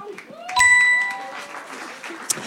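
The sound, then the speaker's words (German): An outdoor crowd at a sunny event claps steadily for a couple of seconds, the applause swelling briefly as a bright chime rings out near the start, with murmuring voices underneath. “Deshalb Riesenapplaus”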